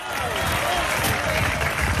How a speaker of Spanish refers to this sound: Alabe a Dios si puede en esta hora. Dele fuerte ese aplauso si es para Él.